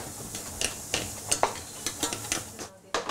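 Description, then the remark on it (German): Bacon for a vinaigrette sizzles steadily as it fries in a pan, with a continuous crackling hiss and several sharper pops and scrapes, like stirring or a utensil against the pan. No one speaks. “Jetzt für die Vinaigrette Speck anbraten, Schalotten dazugeben”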